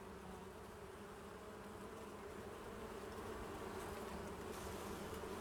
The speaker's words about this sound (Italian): anche le api hanno una funzione importante vicino ad una vigna. Sono delle ottime sentinelle della salute dell'aria e delle piante. Sono molto sensibili e l'uso massiccio di fitofarmaci nelle coltivazioni le uccide.